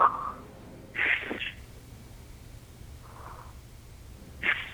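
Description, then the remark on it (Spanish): A voice imitates slow, calm breathing: about four soft, airy breaths, each a brief breathy hiss, spaced out with quiet pauses in between. “Era una respiración más o menos así.”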